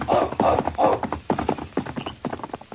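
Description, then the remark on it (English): A saddled horse named Blackie, ridden by a sergeant toward a burning cabin, gallops off, its hooves pounding in a quick, uneven rhythm of thuds that carry on steadily and grow slightly fainter toward the end. “Hastily pulling on his boots and tunic, the sergeant saddled his horse.”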